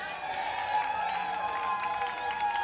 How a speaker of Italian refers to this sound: Allora, nuovamente un applauso